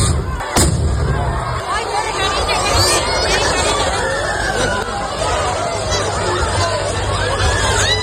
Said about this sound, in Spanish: han resultado heridas en el chupinazo de la localidad navarra de Noain. El incidente se ha producido tras explotar varios cohetes contra la multitud que se agolpaba en la plaza. 3 de los afectados se encuentran en estado grave.